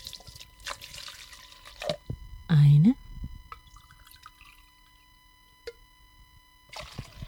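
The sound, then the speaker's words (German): Three cups of water are poured into a coffee machine's reservoir in a short splashing, gurgling burst, with a few faint drips and trickles around it and a brief spoken word. “3 Tassen Wasser. Ich öffne hier die Lücke, diese wunderbare Kaffeemaschine.”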